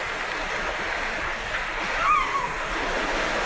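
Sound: ocean waves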